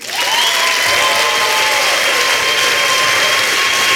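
Loud, sustained applause from an audience for a poet's first performance in the second preliminary round group of a poetry competition, a dense wash of clapping that holds steady for several seconds, with a few faint tonal lines running beneath it and no voices.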